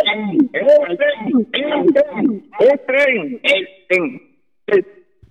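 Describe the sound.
A group of people chants in unison their answer to whom to vote for, rhythmic syllables rising and falling with a slight echo, ending in one last brief shout after a pause.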